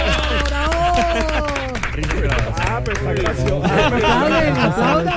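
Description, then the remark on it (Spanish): Steady, dense clapping from a small crowd, loud, running the whole time beneath a jumble of excited overlapping voices and calls. “Aplaudan, ¿por qué no aplauden? ¡Bravo!”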